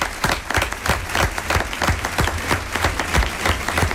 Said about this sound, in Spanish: Aplauso también para el resto del equipo que hizo posible esta función de radioficción.